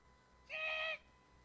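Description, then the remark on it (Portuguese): A doorbell rings once with a short, steady electronic buzz lasting about half a second. Its bright, harmonic tone stands out against a quiet background, with no talking. “Toca a campainha.”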